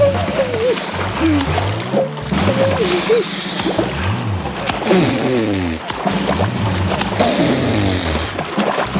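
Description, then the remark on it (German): Water splashes and sloshes loudly, with a few heavier bursts spaced a couple of seconds apart as the little king dives several times in a row, while a voice sounds faintly underneath. “Und wenn er taucht”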